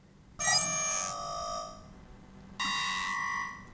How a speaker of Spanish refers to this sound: ¿Qué le pasa a esta alarma hoy?